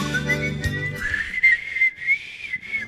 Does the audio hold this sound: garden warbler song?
no